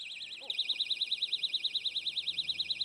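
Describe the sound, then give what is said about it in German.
A personal safety alarm shrieks into life after a brief pause, a piercing high-pitched warbling tone that wobbles rapidly and steadily, loud, with no voices. “Laut Hersteller führen Vantamo und die Eulen das Feld an mit ohrenbetäubenden 130 Dezibel.”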